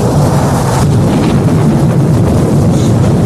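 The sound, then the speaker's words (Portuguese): A loud, steady roar of strong, rising storm wind with heavy low rumbling, sustained throughout with no voices. “Escureceu, a ventania está crescendo.”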